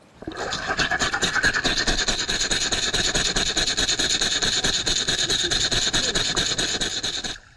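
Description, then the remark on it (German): A rattle shaken by hand underwater, picked up by a hydrophone: a fast, steady rasping pulse that runs continuously for about seven seconds, almost like rhythmic panting, with no voices. “Mikro unter Wasser, Hand unter Wasser und wir zwei gucken von oben zu.”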